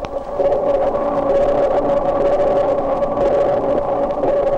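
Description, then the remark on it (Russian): Dolphin echolocation clicks recorded underwater and slowed down 32 times, with echoes reflecting off underwater objects, merge into a loud, continuous warbling drone with a steady humming tone running through it, without any voices. “Вы слышите эхо, отражающееся от подводных предметов.”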